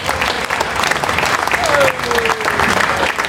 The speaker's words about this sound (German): Ein Applaus für alle Ehrenamtler, bitte.